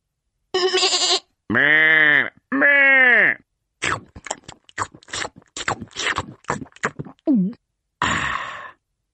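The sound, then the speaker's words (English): Sheep bleating loudly and close by: two long, wavering bleats, then a rapid run of short choppy bursts, and one more brief bleat at the end. “When the cat has gone to sleep, I nibble grass like a hungry sheep.”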